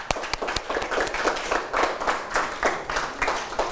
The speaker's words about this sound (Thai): เดี๋ยวเราไปดูเฉลยพร้อมกันเลยครับนักเรียนถูกต้องนะครับปรบมือนะครับ